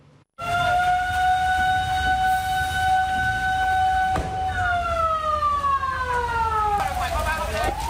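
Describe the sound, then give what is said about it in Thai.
Sirens of six fire engines wail loudly and steadily, then overlapping sirens glide downward in pitch as more trucks pass, over a constant low rumble of engines and commotion, at a night fire at a two-storey Thai-style house in Yai Phaeng, Bang Khonthi, Samut Songkhram, Thailand, with rain falling. “เปลวไฟน่ากลัวมากนะคะดับเพลิงเร่งฉีดน้ำดับไฟบ้านทรงไทย2ชั้นอยู่ในพื้นที่ตำบลยายแพงอำเภอบางคนทีจังหวัดสมุทรสงครามใช้รถดับเพลิง6คันเข้าดับไฟค่ะขณะที่ในพื้นที่จริงๆมีฝนตกลงมาด้วยนะคะแต่ก็ไม่สามารถจะช่วยสกัดไฟที่ไหม้รุนแรงได้”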